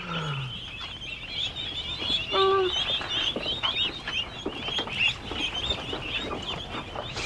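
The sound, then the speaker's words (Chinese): A duck gives a short, nasal quack amid a constant, busy chatter of many birds, with scattered honks and clucks overlapping throughout; no voices are heard. “我看看，我看看，好好玩的鸭子哦。”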